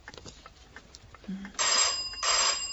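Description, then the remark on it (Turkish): An electric doorbell at the door of a home rings in two long, bright, buzzing bursts, the second following after a short gap, with faint rustling and a brief low tone before them. “Kapı çalıyor. Gelen kim acaba?”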